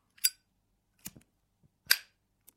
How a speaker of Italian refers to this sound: Uno zippo.